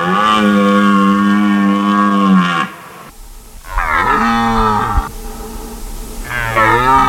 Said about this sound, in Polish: Niedźwiedzie, no nie ryczą o tej porze roku, raczej wypasają się, a teraz jelenie mają swoje gody i samce jelenia ryczy na rykowisku, przywołując samice i odganiając konkurencję. Czyli to nie niedźwiedź, tylko jeleń tak ryczy.